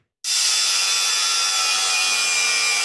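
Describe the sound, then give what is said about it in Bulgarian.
A saw starts abruptly and keeps cutting through wood as regional forestry directorate staff dismantle an illegal fence around a construction site at Baba Alino. It is a loud, steady rasping hiss that holds without pause to the end, with no voices. “Днес продължи премахването на оградата в района от служителите на регионалната дирекция по горите и горското стопанство.”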